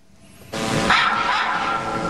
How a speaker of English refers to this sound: A drone was equipped with a camera and a speaker. The sound of dogs barking and other loud noises were projected from the unmanned aircraft.